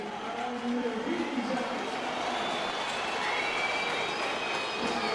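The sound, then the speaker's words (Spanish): A stadium crowd at a football match in Varela reacts to Villa, giving lukewarm applause mixed with shrill whistling, more whistles than applause: a dense, steady wash of clapping and noise with piercing whistles cutting through for about five seconds. “Aplausos y silbidos para Villa, Tibios aplausos, más silbidos que aplausos.”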